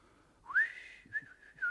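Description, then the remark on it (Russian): A man whistles softly, a short wavering tune of a few pitched notes rising and falling, close by and quiet, with faint low thumps beneath and no talking. “А он уселся рядом и стал негромко насвистывать.”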